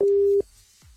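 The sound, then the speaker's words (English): A phone line tone sounds once, a loud, steady electronic beep lasting under half a second, as a call is placed to ring back a radio listener, followed by a quiet stretch with faint low background rumble. “So we did tell you to text and should we ring somebody back?”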